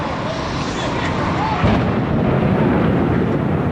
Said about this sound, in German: Um 8.46 Uhr Ortszeit schlägt ein Flugzeug mitten in den Nordturm des World Trade Centers im Finanzzentrum von New York City ein. Zunächst ist von einem Sportflugzeug die Rede.